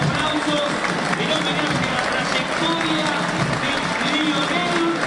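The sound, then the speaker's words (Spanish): A large crowd at Vélez stadium applauds loudly and steadily as the football match is stopped to honour Lionel Messi, a dense wash of clapping that never lets up, with scattered cheers and voices rising through it. “Y se para el partido para aplaudir a Lionel Messi, que ha decidido retirarse de la selección argentina.”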